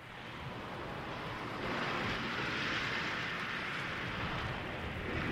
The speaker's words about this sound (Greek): Εδώ ακούτε τα κύματα στη Χαβάη.